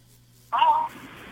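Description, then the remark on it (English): A caller's radio plays in the background over a telephone line, heard through the caller's phone speaker in Massachusetts, thin and muffled, coming in abruptly after a moment of near-silence with a low electrical hum. “you're going to have to shut your radio. Turn it off, honey.”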